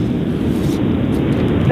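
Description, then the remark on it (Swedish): A steady, loud low rumble from inside a moving Renault car, heard through a muffled telephone line during a call. It drones on continuously throughout without letting up. “Jo, men ganska dåligt. Du sitter i bil eller någonting?”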